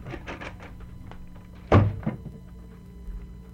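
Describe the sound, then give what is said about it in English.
A door bangs shut once with a heavy thunk, followed by a brief rattle as it settles, over a low steady background hum and a few faint shuffling sounds. “Where's this door you were talking about?”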